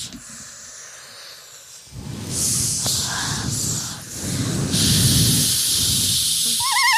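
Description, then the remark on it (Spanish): Several people blow steadily through their mouths, making breathy, hissing gusts that imitate the wind of a very cold place, making nature sounds as music, swelling louder after a quiet start and continuing in overlapping waves. “Mientras ellos soplan, yo le hago como caballo galopando. Y ya estamos haciendo ahí sonoridades de la naturaleza.”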